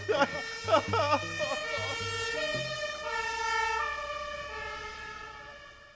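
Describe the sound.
A brief burst of voices gives way to a loud electronic alarm siren set off by an alarm button, a steady, buzzy tone that holds and shifts pitch in slow steps for several seconds.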